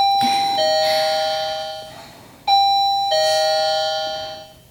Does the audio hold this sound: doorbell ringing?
yes